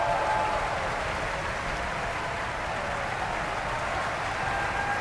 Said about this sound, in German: Viel Applaus jetzt für den finnischen Bass Mika Kares.